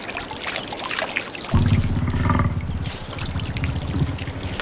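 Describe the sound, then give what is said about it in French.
Steady watery splashing and lapping, with a heavier, deeper surge of sloshing about a third of the way in, as a woolly mammoth drinks from the Lena River. “Ah, ça doit être notre mammouth laineux qui se désaltère. Le fleuve Léna est tout près. Suivons le clapotis de l'eau.”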